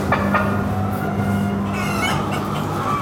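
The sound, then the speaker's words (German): A flock of chickens clucks continuously in the winter garden, the outdoor area of an experimental henhouse, as many of the hens come toward the visitors: a steady crowded murmur of birds with a few sharper, louder calls rising out of it. No one speaks. “Weiter jetzt noch kurz in den Wintergarten, den Außenbereich des Versuchsstalls. Ja, jetzt kommen ganz viele zu uns.”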